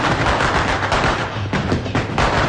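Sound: firecrackers exploding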